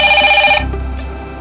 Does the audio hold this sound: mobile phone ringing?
yes